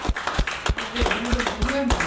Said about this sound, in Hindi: इतना नौकरी किए देखे हुए, तो आंगनबाड़ी कार्यकर्ता के लिए सभी जो हमारा धात्री महिलाएं, गर्भवती महिलाएं और किशोरियां बच्चे आए, सभी और एक बार पुनः स्वागत करें, इतना जोर से काम ताली बजाओ।